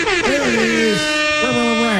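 A loud, blaring air horn blast holds for about two seconds, its brassy tone wavering and sliding slightly in pitch before cutting off, with no talking over it; the horn is hit on air during KOA radio's Broncos game day show.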